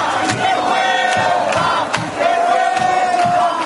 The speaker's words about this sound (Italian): E hanno iniziato a gridare vergogna quando hanno saputo il risultato della votazione.